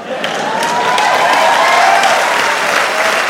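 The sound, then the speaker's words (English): Steady audience applause fills the whole stretch, a dense, even wash of clapping at a constant loud level with no voices rising above it. “You hear that? That's not enough support.”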